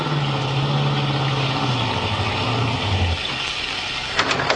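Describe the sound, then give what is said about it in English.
A car engine hums steadily, its low pitch sinking as the car pulls up behind another car and comes to a stop, then the motor cuts out, followed by a few faint clicks; from the 1944 radio drama Nick Carter, Master Detective. “Pull up behind that car just ahead on the left.”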